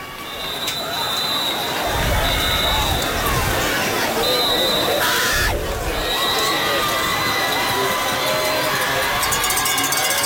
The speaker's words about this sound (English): All right, the Lancaster crowd is loud, supporting their defensive squad. Health Science is going for two, 34-28.